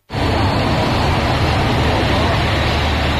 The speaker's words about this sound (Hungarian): Különleges nagy terhek mozgatására is alkalmas teherautóra szerelt darúval kezdték meg a két új és a történelmi harang beemelését megújult otthonukba.